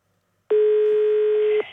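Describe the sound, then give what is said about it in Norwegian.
A single loud, steady electronic telephone ring tone on a radio call-in line, sounding for about a second before cutting off, with no one talking. “Og nå ringer det på jukebokstelefonen vår”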